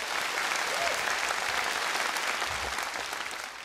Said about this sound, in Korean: 가장 솔직하고 아름다운 언어로 감동을 전해준 손끝으로 피어내는 우리 팀에게 뜨거운 격려의 박수를 다시 한번 보내주시기 바랍니다.